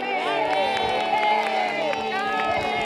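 A crowd claps steadily while voices cheer and call out, a loud, continuous wash of applause and shouting that fills the whole stretch without a break, applauding a care worker who looks after the town's elderly.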